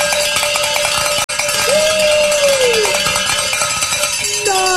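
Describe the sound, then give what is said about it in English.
A bell rings loudly and continuously for about five seconds, a dense clang of bright metallic overtones with a brief drop-out early on and a gliding tone partway through, rung to celebrate a listener pledge during a fundraising drive on radio station 89.7 KJMA. “Just like that, ring that bell.”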